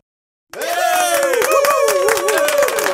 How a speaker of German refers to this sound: Und dieser Applaus ist für alle, die ich sonst noch dran hatte am Telefon